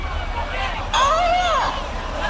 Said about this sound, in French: Le perroquet de la voisine. Oh. Qu'est-ce qu'il dit? J'en sais rien du tout.